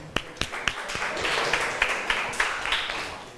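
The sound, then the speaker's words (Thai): A class of students claps together to encourage classmates from group 5: a few sharp, distinct claps at first, then a dense, steady patter of applause that carries on at moderate loudness without any talking. “ยกมือเลยกลุ่ม5ยกมือก่อนนะคะขอเสียงปรบมือเป็นกำลังใจให้เพื่อนจากกลุ่มที่5ค่ะ”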